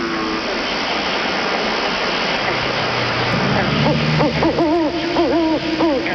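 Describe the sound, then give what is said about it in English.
An owl hoots several times in quick succession over a steady background hiss, the calls starting partway through and rising and falling in a regular rhythm. “Well, that was just an owl.”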